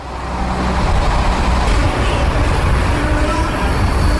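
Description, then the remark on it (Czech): A yellow motorized universal rail vehicle (MUV), used by metro workers to carry machines while the power is switched off, rumbles steadily and loudly, its engine drone and rolling clatter filling a metro tunnel with continuous low, heavy noise and no voices. “Pracovníci v metru vypnou elektřinu, běžné soupravy nahradí motorové univerzální vozíky, takzvané MUVky.”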